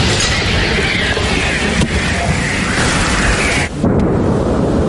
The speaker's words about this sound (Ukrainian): вони відрядили у бік окупантів не одну сотню важких артилерійських снарядів.